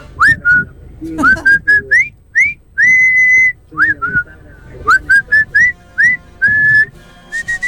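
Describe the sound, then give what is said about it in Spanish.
A person whistles a lively film theme tune in quick rising notes, with a few longer held tones and short pauses between phrases, against faint background noise. “Ya votó. Votó Silbando. Muy bien. Silbando está bien.”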